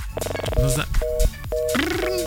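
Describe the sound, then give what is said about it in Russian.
A radio host calls a listener's mobile phone: short electronic phone tones sound in quick succession, steady paired beeps like dialing and call-progress signals, repeating in brief bursts with some background talk mixed in. “Мне не нравятся такие гудки.”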